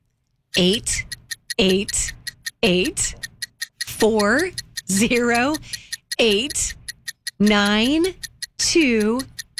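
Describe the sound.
A clock ticks steadily in a quick, even, sharp rhythm. Short bursts of a sliding, voice-like tone come and go over the ticking.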